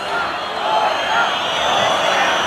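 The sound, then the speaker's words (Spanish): A large bullring crowd shouts together, demanding a second ear for the matador José María Manzanares, in a steady, unbroken roar of many voices. The noise stays loud and even throughout, with no single voice standing out. “Gritos de otra.”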